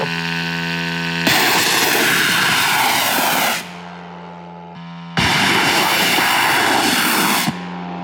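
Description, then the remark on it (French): A military drone's engine is started and runs with a steady buzzing hum, twice surging into a loud, roaring rev for a couple of seconds before dropping back to idle. The drone carries 100 kilos of explosives. No one speaks. “Démarrez le moteur. On démarre le moteur.”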